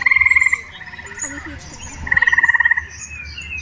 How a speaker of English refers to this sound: Here's a recording of eastern gray tree frogs.